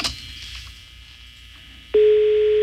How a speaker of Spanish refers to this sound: Bueno, está sonando el teléfono, no contestan, güey, ya ves, baboso. Bueno, no contesta el ruco.